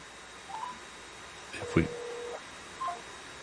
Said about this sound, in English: Yes, that's not good. Yeah, the phone hangs up, and whenever you dial in.